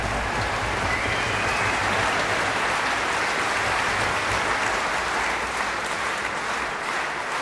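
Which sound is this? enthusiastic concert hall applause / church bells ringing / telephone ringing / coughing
enthusiastic concert hall applause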